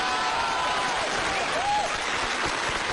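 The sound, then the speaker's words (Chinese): Steady, dense applause from a large audience fills the whole stretch, a loud, continuous wash of clapping hands with a faint whistle-like tone rising briefly near the middle. “转过去，转过去，转过去，就是一片掌声啊！ 啊！鼓掌的都是懂艺术的。”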